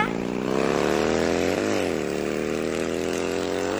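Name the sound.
motorbike engine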